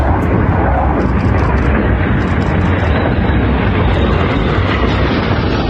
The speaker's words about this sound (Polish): Także podobało nam się i liczyłem, że będzie niżej, że będą leciały niżej i że będzie większy huk, ale też było fajnie, uchwyciłem na telefonie, rodzinie wysłałem, jestem zadowolony. Z Warszawy F-35 poleciały nad Kraków i wróciły do bazy w Łasku.